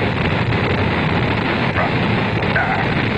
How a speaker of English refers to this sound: The engine's now building up to 7.7 million pounds of thrust. We have a launch commit and we have a liftoff. The swing arm moving back. The Saturn V lifting off the tower. Alpha pad building up thrust. We clear the tower.